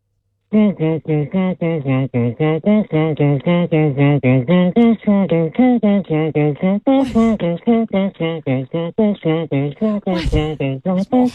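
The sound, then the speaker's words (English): A single voice hums a steady, melodic song for about ten seconds for others to guess, punctuated by a few sharp, breathy percussive mouth sounds like beatboxing. “I don't know if that's beatboxing. That sounds Yes, it is. You got humming in, it got in that there.”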